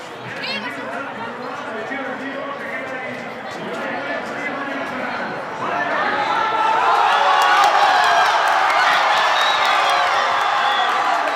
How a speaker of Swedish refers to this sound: Segerjubel naturligtvis i Madrid.